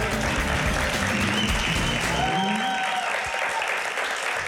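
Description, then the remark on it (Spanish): A crowd applauds loudly and steadily, dense clapping filling the whole stretch, with a bright whistle or cheer rising briefly partway through and no talking. “Eli, un fortísimo aplauso”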